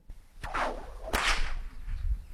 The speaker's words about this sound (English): Yes, the stock whip. It's a tool of the trade and one that is still used in operations today. But from cattle camps to stock routes, that crack, well, it's kept more than just the cattle in line.